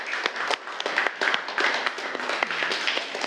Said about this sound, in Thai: กลุ่ม4นะคะปรบมือให้กลุ่ม4หน่อย